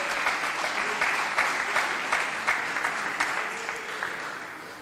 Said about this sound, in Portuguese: Podem se assentar e dar aquela salva de palmas para glorificar e bendizer o nome do Senhor.